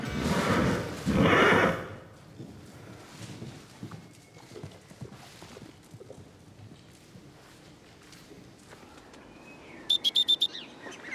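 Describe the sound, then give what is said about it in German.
A horse named Victor neighs loudly at the start, then quieter hoof clops and shuffling follow, with a short burst of bird chirps near the end; no one speaks. “Von Isabel will sie lernen, neu auf ihr Pferd zuzugehen.”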